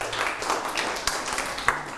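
A class of students claps together for a classmate, giving a steady wash of many overlapping hand claps with a few sharper, louder smacks standing out. No one speaks.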